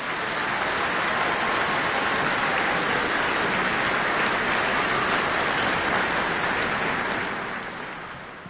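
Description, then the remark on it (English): An audience applauds in welcome as the Hamlish Page Student Choir comes to the stage, a dense, steady wash of clapping that holds strong for several seconds before tapering off toward the end. “Let's give them a big welcome round of applause.”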